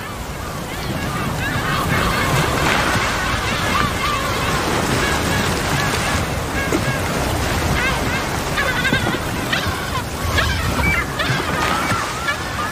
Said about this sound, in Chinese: 气泡网捕猎过程中的大部分叫声好像都是相同的几头大齿鲸发出的，他们会用叫声组织同伴驱赶猎物到海面。